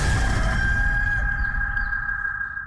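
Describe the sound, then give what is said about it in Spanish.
A rooster crows loudly, one long sustained cock-a-doodle-doo that fills the whole moment before trailing off slightly at the end, with no voices present. “La Maratón de El Gallo. Pone los huevos por Colombia.”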